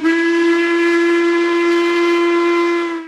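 A steam train whistle blows in one long, steady, loud blast lasting about three seconds, its bright harmonic tone holding constant with no voices present.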